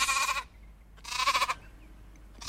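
Goats bleat in loud, wavering cries: two full half-second calls about a second apart, then a third starting just as the sound ends, with a quiet low hum between them.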